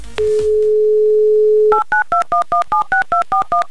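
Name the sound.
telephone number being dialed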